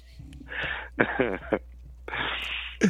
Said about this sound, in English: I'm sorry. I forgot to hit the cough button.